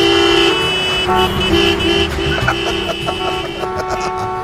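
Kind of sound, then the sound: vehicle, car horns honking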